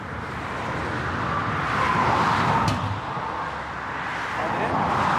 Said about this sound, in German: Auf der A20 stehen heute Flickarbeiten an. Zwischen Gützkow und Greifswald repariert ein 6-köpfiges Team einen Fahrbahnschaden. Eine 60 Quadratmeter Baustelle und nur einen Tag Zeit. Alles bei laufendem Verkehr.